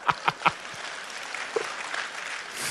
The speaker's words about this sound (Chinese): 哎呀，掌声不够热烈呀、啊！为什么大家掌声不热烈？我知道，因为当事人不在呀、啊。